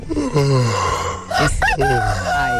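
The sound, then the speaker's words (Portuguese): A rooster crows loudly, a long harmonic call with rising and falling pitch lasting a couple of seconds, with no talking over it. “O Ronaldo Malesso, de Belo Horizonte, além do cafezinho, ele tá pedindo urso, Bem-te-vi e galo.”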